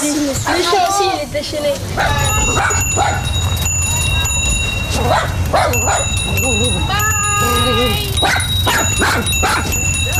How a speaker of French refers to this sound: Ah, le chien,